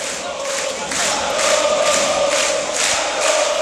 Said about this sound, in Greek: Πάντως ο Άρης παίρνει το χειροκρότημα από τον κόσμο.